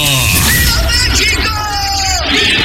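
A loud Mexican grito: a sustained, warbling celebratory shout with sliding pitch, filling nearly three seconds over a dense, noisy background.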